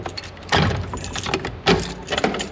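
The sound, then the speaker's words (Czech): Keys jangle and clink as a lock is worked open on the door to the Wenceslas Cellars, deep below the third and fourth courtyards, with a few sharp metallic bursts and scraping sounds over a couple of seconds, no voices. “Poté, co mi odemkne dveře.”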